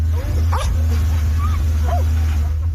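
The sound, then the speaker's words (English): A few short, high barks and yips from rescue dogs searching a mud-caked pile of rock and debris after flash floods near Tibet's border with Nepal, over a steady, loud low rumble of engines or machinery. “Rescue dogs search a mud-caked pile of rock and debris, but for many, hope of finding survivors is now fading.”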